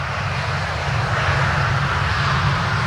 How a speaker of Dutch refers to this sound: Dat komt iets aan. Ik hoor een vliegtuig.